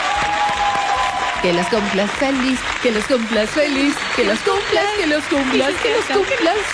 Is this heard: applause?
yes